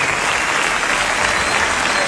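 Loud, steady applause from an audience, a dense wash of many hands clapping at once with no pauses, sustained for a couple of seconds.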